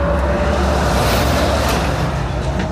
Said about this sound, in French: T'as vu le camion, comment il est passé, là?